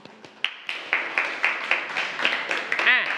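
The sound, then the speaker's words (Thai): A group of students, in several groups, clap for themselves in a steady, fairly rhythmic burst of applause lasting a few seconds, moderately loud, with a faint voice rising near the end. “โอเคปรบมือให้กับตัวเองทุกกลุ่มเลยเก่งมาก”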